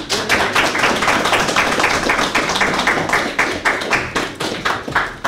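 A crowd applauds steadily, a dense wash of many overlapping hand claps that stays loud throughout, with a few individual claps standing out toward the end. No one speaks.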